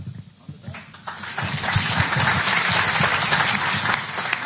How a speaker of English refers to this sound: Okay, that's the last time I'm going to allow you to applaud. You got it?